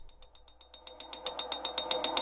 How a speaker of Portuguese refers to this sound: Estão ouvindo esse barulho aí? Sério, sou só eu que tô ouvindo? Você aí no carro, tá ouvindo essa bateção de pino?